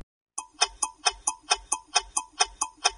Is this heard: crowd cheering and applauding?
no